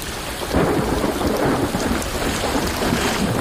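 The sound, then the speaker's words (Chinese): Heavy rain pours down in a dense, steady hiss while a deep rolling rumble of thunder swells up after a brief moment and stays loud throughout, with no voices. “放慢速度，可以看到微小的动物被雨滴重创了。”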